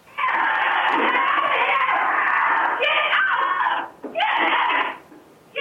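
Donnie, a Nigerian dwarf goat, screams loudly and almost continuously in long, strained, harsh cries while a cougar latches onto its neck on a farm near Nanaimo, British Columbia, breaking off briefly a few times before resuming, piercing with no talking.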